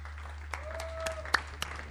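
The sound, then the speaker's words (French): Sparse, irregular applause from a small group at the close of an interview held by video call: a handful of sharp claps at uneven intervals over a steady low hum, with no voices. “On va t'applaudir.”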